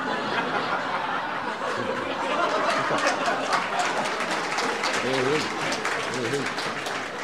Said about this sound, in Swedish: Tack så hjärtligt för den applåden.